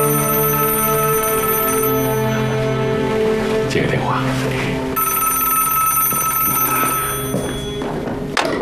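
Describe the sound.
A telephone rings loudly in sustained, bright electronic bursts with a steady pitch, pausing briefly midway before ringing on again, while a voice murmurs faintly underneath.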